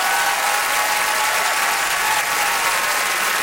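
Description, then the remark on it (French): Steady audience applause for a winner of a pair of tickets, a dense, even wash of many hands clapping at constant loudness throughout, with no voices standing out. “qu'on applaudit.”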